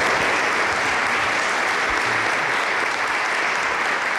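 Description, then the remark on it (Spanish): The audience in Orihuela applauds warmly and steadily at the start of the Ser Historia programme, a loud, dense wash of clapping that holds at an even level for several seconds, with no talking over it. “Como siempre, soy Nacho Ares, les doy de nuevo la bienvenida a Ser Historia y me gustaría escuchar ese aplauso caluroso de la gente de Orihuela a este inicio de Ser Historia.”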